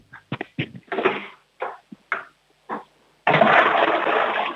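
A series of short clunks and rattles, then a sudden loud, steady rush of water as a child flushes a toilet to show it off for a children's radio game, continuing to the end.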